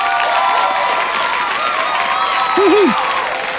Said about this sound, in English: Well done to you guys, you have just won the round of applause.